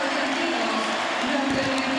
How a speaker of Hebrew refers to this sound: דקה עשירית, המשחק נעצר. וכולם מוחאים כפיים.